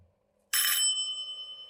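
A doorbell gives a single bright ding after a moment of near silence, loud, its metallic tone ringing on and slowly fading. No one speaks.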